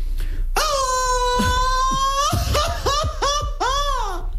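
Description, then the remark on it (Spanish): A single voice lets out a long, loud Mexican grito on a radio program, part of a listener contest to win tickets: a sustained high yell followed by a string of rising-and-falling warbling whoops that sound almost like laughter, held out over several seconds. “Porque ustedes van a poder ganar boletos con el grito que estamos haciendo ahorita.”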